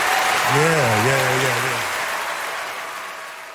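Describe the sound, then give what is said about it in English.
A crowd claps steadily in a dense, sustained wash of applause that slowly tapers off, with a single voice briefly calling out over it near the start. “Clapping is good, but you gotta get the word out.”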